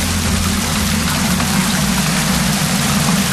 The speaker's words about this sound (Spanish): Es el sonido del granizo caído ayer por la tarde en Castellfort, en el interior norte de Castellón. Granizo y rachas de viento de hasta 68 kilómetros por hora.